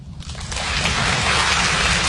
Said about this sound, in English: Clap if you knew your person 5 years or less.